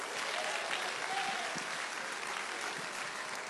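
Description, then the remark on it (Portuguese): An audience at a religious service claps hands joyfully for Jesus to welcome a preacher, in a dense, steady burst of applause, many overlapping claps blending into a continuous bright wash at an even, fairly loud level throughout. “Vão receber o servo do Senhor com as palmas bem alegre para Jesus.”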